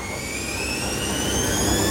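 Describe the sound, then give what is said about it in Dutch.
A washing machine in a fast spin cycle: a loud, steady roar with thin whining tones slowly climbing in pitch, almost like a jet taking off. No one speaks. “Ja, echt zo'n wasmachine die gewoon helemaal opstijgt.”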